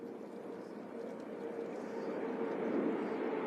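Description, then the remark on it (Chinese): A steady, low aircraft engine drone swells gradually as the plane passes overhead in a flyover above New York Harbor, part of a celebration of the 250th anniversary of the US Declaration of Independence: a broad rumbling roar with a faint humming tone, unaccompanied by voices. “这次盛大的活动包括了帆船巡游、海军阅舰和飞机飞越。”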